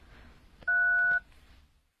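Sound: telephone keypad dialing tones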